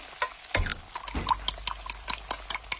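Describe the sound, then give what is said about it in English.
Kitchen utensils clink and tap in a quick, irregular series of bright metallic ticks, with a couple of heavier knocks early on. No one speaks. “Can you tell if the surfaces in this kitchen are crawling with bacteria that could cause chronic arthritis?”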